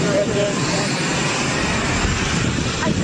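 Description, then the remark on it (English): A jet aircraft engine roars steadily and loudly throughout, a dense continuous rumble and hiss without pause. This is at Joint Base Andrews as President Trump boards a plane, switched in briefly while the emergency slide on Air Force One was checked. “Right now, had to briefly switch planes because they needed to check the emergency slide on Air Force One.”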